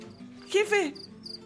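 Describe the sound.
A swarm of wasps from a wasp nest that was hit by a gunshot makes a low, steady drone throughout with faint high chirps, while a voice briefly cries out over it midway through.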